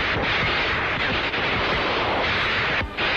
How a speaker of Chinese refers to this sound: 李向阳拔出枪来，双腿一夹就冲向前去。那两个鬼子兵还没闹清是怎么回事，就随着李向阳的枪声倒下。